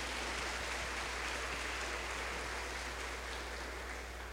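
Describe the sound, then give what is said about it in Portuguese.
An audience at a Mass in the house of Our Lady of Fátima applauds to welcome a visiting parish vicar who presides over the celebration, a dense, steady wash of many hands clapping at once, sustained at an even level throughout with no voices over it. “O acolhemos com a salva de palmas.”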